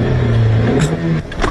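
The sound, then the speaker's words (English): The engine of a manual-transmission car being restarted after stalling runs with a steady low hum that shifts pitch partway through, followed by a couple of brief mechanical clunks near the end. “Oh no, the car stalled. Can't start the car in first.”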